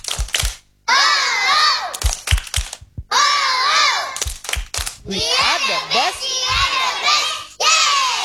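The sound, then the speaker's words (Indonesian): A group of children chant loudly together in a rhythmic pattern, punctuated by sharp bursts of hand claps between phrases, energetic; they are doing a 'tepuk semangat' (spirit clap) routine. “Tepuk semangat.”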